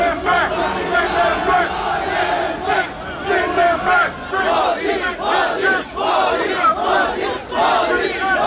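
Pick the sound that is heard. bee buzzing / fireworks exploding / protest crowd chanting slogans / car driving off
protest crowd chanting slogans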